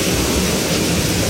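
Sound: heavy rain falling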